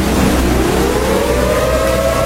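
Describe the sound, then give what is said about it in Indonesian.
A loud, steady siren wail rises slowly in pitch over a couple of seconds, continuous against a rumbling background with no voices. “Itu sirine, toh. Bapak dengar sendiri, tuh.”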